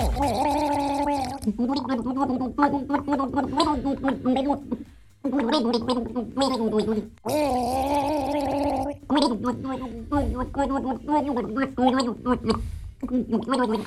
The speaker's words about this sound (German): eine Wasserflasche geschnappt und drauf losgegurgelt haben. Das erste Duett bei Gurgelgaga. Hört mal, ob er das Lied erkennt.